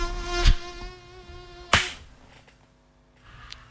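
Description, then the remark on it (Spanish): A steady mosquito whine hums throughout, interrupted by two sharp slaps early on, then the buzzing continues more faintly afterward. No one speaks. “Muchachos, muchachas, yo soy del instinto felino en el que no me vuelvo a acostar hasta que ese zancudo pasó a mejor vida.”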